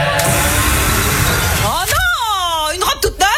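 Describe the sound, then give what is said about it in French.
A battery-powered leaf blower, in an advert for the brand Style's 100th anniversary about blowing out candles, roars with a loud, steady rush of air, then its motor whine glides down and wavers as it winds down, ending with a few sharp clicks. “Pour les 100 ans de style, on s'est dit qu'on pourrait souffler nos bougies avec un souffleur à batterie.”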